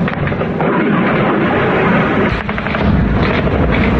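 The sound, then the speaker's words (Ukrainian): A loud, sustained blast of roaring, rumbling noise as a Russian missile explodes at an oil refinery, blowing the lid off a fuel storage tank, its heavy boom and crackle continuing throughout the whole moment, with no voices. “Зокрема, кришку резервуару з паливом на НПЗ зірвало саме від ракети РФ.”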